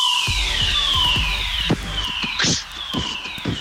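A fire alarm going off during a fire drill wails in steady, gliding tones that sweep downward and repeat, loud and continuous, while sharp knocks and thuds, like footsteps or clatter, break in underneath.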